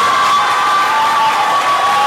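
An audience at a municipal DIF event applauds and cheers its team leader, loudly and steadily. The clapping is a dense wash with high-pitched shouts and whoops rising through it, no single voice standing out.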